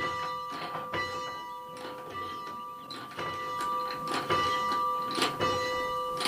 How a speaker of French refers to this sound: Eh ben allez, on va faire sonner la cloche qui est devant la chapelle de la Lésine.